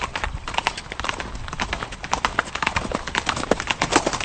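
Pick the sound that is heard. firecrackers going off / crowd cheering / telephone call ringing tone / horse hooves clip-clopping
horse hooves clip-clopping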